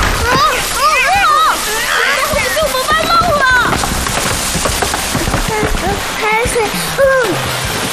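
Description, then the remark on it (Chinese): Seawater splashes and sloshes loudly and steadily throughout at a place once connected to the open sea, a churning wash of water with voices calling out over it. “这海水，原来这里以前通着大海。”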